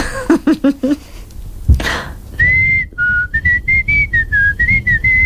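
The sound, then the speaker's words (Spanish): After a few short voiced sounds and a sharp breath, a person whistles a string of clear notes as a demonstration of the different sounds they can whistle: a held tone, a lower one, then quick short notes stepping up and down in pitch. “¿Cuándo silbas? No sé, cuando me sale.”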